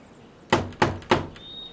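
Three firm knocks on a wooden door, evenly spaced, followed by a faint high tone lingering in the background.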